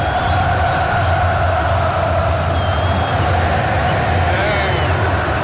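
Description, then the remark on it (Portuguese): A stadium crowd of Cruzeiro football fans sings a chant together during a match, as Cruzeiro gets a free kick, a dense, steady wall of voices holding sustained tones, loud throughout with no single voice standing out. “Olha a nação celeste, ó, falta pro Cruzeiro na intermediária, pelo lado canhoto, e a nação celeste cantando.”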